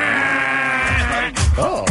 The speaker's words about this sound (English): Just hit them with a old school jungle manual buzzer.